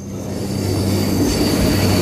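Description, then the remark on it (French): A train rumbles steadily at the railway station in Landely, in the rain, a low continuous roar with a thin, sustained metallic whine above it. The sound holds an even loudness for two seconds, with no voices. “Alors, je viens de sortir du train.”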